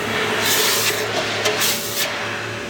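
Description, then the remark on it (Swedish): A hot metal piece for a weather vane over 2.5 metres long hisses and sputters as it is dropped into a bucket of water to quench it, a steady steamy rush with several sharper bursts of sizzle over a low background hum. “Då tänker jag droppa den här i hinken nu. Jaha. Jag kommer att pysa och fräsa och greja, okay.”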